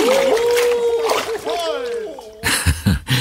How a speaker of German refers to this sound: Keuchend und prustend schwimmen die Weihnachtsmänner im Eiswasser.